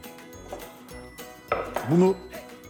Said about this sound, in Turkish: Orta derinlikte bir kaba doğradığım tüm meyveleri yavaş yavaş aktaralım.